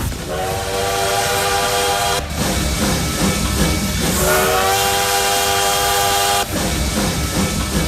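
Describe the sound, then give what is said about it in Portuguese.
A train rumbles steadily while a loud whistle blows twice, each long harmonic blast sliding slightly upward in pitch, with no voices present. “Quem vai de carona aqui no Modão da Paz, no Trem Bala, lá até o ponto final, até às 19h.”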